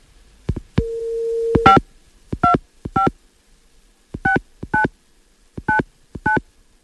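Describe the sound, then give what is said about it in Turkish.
A steady dial tone is followed by a TGRT FM radio host dialing a listener's phone number: a series of short, clear touch-tone beeps in uneven groups, fairly loud, with no one speaking. “inşallah telefonu meşgul değildir. Çeviriyorum numaraları.”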